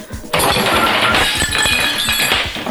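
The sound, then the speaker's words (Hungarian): A plate, along with a revolver, is knocked off a table being cleared after a meal and smashes on the floor: a sudden loud crash after a brief quiet moment, followed by about two seconds of bright, clattering shards scattering and ringing. “Lesotortad a tányérrel együtt a Stukkert is.”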